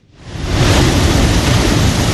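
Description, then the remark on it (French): Surf washes in at a castle in Ghana that was one of the main departure points of the transatlantic slave trade, with a steady, rushing roar that swells up in the first half second and then holds loud and constant, deep rumble beneath a hiss of spray, with no voices. “Le son des vagues couvre aujourd'hui les cris et les souffrances du passé.”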